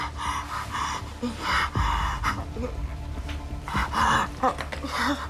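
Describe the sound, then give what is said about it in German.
Heavy, labored panting of a patient with oxygen saturation of only 74%, moist crackles and an acute heart attack: a rapid series of rough gasping breaths in and out with an uneven rhythm, loud and strained, with no talking. “Versuchen Sie ganz ruhig weiter zu atmen.”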